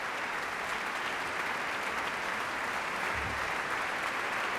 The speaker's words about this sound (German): Applaus für den Schlagwerker Christoph.